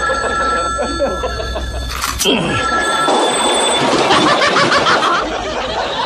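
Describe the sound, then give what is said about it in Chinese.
A telephone bell rings with steady, shrill tones through the first couple of seconds, then fades under a burst of noisy background chatter and faint laughter. “你不去接电话吗？”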